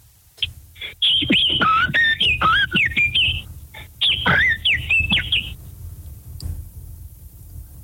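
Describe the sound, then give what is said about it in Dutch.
A person whistles an imitation of blackbird song: two bursts of fluting, warbling phrases with quick slides and trills, fairly loud, separated by a brief pause. “Ik wil de merel wel even horen.”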